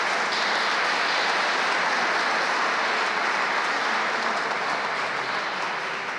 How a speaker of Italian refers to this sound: Un bel applauso, grazie.